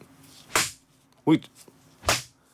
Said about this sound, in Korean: 자, 정답은 파리채였습니다, 여러분. 파리채.